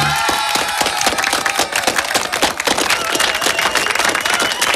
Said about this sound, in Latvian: Sākusies meteoroloģiskā vasara. Ar aplausiem, labi, labi.